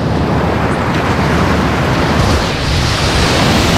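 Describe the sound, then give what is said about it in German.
Steady, loud ocean surf washes over a beach, a continuous broad rush of breaking waves with a slight swell in the middle and no voices. “Man arbeitet in der Sonne, man ist am Strand, am Meer.”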